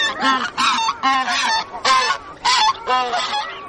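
Hundreds of geese on a lake in the Arctic honk repeatedly in a loud, overlapping chorus of harsh, nasal calls, continuous, with no voices present.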